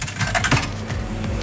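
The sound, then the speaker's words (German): A coin clinks and rattles as it is dropped into the slot of an ice cream vending machine near Schmallenberg-Niedersorpe, a few quick metallic taps, followed by faint mechanical clicking. “Ich stecke hier gerade eine Münze in einen Eisautomaten rein.”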